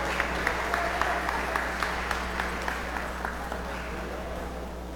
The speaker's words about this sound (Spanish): Siguiente número ganador, 93. Número 93. Pase. Un aplauso.